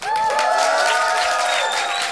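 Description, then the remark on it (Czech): A crowd of about a hundred people in a white tent at the Povaleč festival cheers and applauds loudly and continuously, with sustained whoops and high whistling tones riding over dense clapping for a couple of seconds. “Tak udělejte obrovský bordel, ať jste slyšet.”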